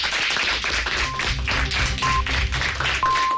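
Steady, dense applause from a crowd, given to close a programme before the 1 p.m. news, with three short, evenly spaced high beeps sounding over it about a second apart.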